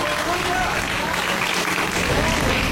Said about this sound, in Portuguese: E a igreja pode glorificar com mais palmas para Jesus.